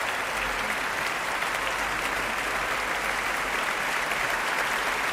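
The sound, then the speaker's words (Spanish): Steady, sustained applause from a large audience after an opera performance, for composer and conductor Tan Dun; a dense wash of clapping that holds at an even level throughout with no voices standing out. “Aplausos de nuevo al compositor y, en esta ocasión, director de orquesta Tan Dun.”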